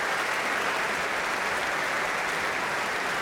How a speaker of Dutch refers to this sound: En nu applaus voor alle koperblazers.